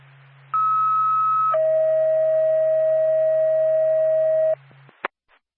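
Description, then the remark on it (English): A two-tone NORPAC dispatch alert for Whitefield Ambulance: a short steady tone gives way to a long, lower, unbroken tone lasting about three seconds, over a low radio hum, ending with a click. “NORPAC, Whitefield Ambulance, standby for tone.”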